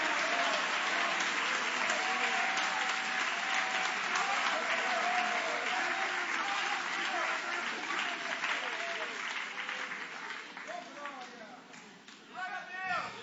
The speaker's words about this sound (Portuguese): Levanta a mão aplaudindo. Levanta a mão adorando. Vai glorificando.